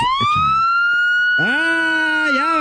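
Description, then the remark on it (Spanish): A police car siren blares as police pull a car over, starting with a long rising wail that holds steady, then a second siren tone joins midway with an undulating pitch. Brief background voices are heard at the start. “Ya valió madre, ya nos pararon.”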